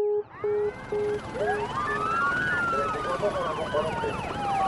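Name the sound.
police car sirens arriving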